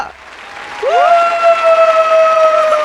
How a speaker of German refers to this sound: Oh mein Gott, wir machen einen grossen Applaus hinter dem Radio für One and Only Mondsonar-Moderatorin